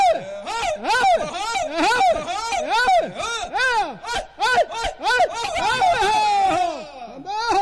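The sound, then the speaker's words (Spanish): A traditional Panamanian grito de monte (mountain yell), played on a radio programme: one loud voice whooping in quick, yodel-like swoops, pitch arcing up and breaking down over and over in a continuous, rhythmic run of cries. “Un grito de monte.”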